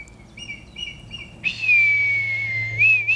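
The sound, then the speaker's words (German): A few short, bright chirps repeat, then a man whistles one long, steady note to communicate with red kites, the note dipping slightly and lifting at the end, fairly loud, with no talking. “Manchmal habe ich das Gefühl, dass ich auch einfach nur pfeife, um mich so mit denen zu verständigen, dass sie merken, okay, das ist jetzt kein Feind, ich muss jetzt vielleicht keine Angst haben.”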